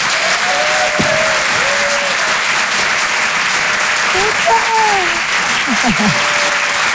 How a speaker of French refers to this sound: Le Rire et Chanson Comedy Club. Découvrez vos futures stars du rire. Et je vous demande un tonnerre d'applaudissements, s'il vous plaît,